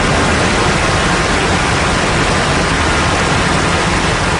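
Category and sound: nature, roar of a waterfall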